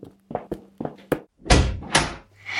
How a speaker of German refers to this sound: Ich gehe und öffne die Tür.